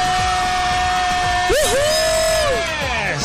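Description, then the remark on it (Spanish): A woman on the radio show El Jalapeño on La Mega lets out a loud, excited yell, her voice swooping up and down in pitch for about a second over a steady, busy background. “esa gritona”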